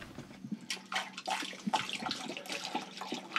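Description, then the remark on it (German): Water is poured in during work on the troublesome motor of the boat Inge 2 at the landing in Marsholm, in a steady, splashing stream, with a broad hiss and gurgling bubbles that rise and fall throughout, loud and continuous with no voices. “So, gib mal Wasser hier rein.”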